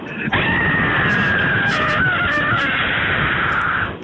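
A caller in a radio phone-in competition, who must scream to win, holds a single sustained high-pitched scream for several seconds. It is loud and strained, coming through a band-limited telephone line with a harsh, crackly quality and a few sharp bursts near the end.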